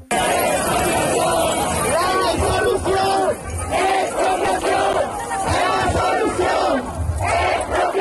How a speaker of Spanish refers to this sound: Miles de personas se han manifestado esta noche en varias capitales andaluzas por el derecho a una vivienda digna.